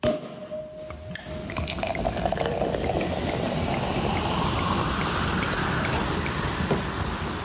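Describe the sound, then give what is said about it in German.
South African sparkling wine is opened and poured, followed by a dense, steady fizzing and crackling of bubbles that holds fairly loud throughout, with no one speaking. “Es klingt wie ein französischer Champagner, es ist aber keiner.”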